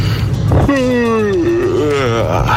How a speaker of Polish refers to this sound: Najdziwniejsze ziewnięcie.